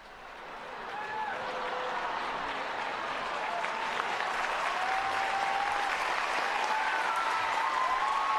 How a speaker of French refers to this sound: Sous les ovations et acclamations des fidèles, le Saint-Père s'avance sur l'estrade.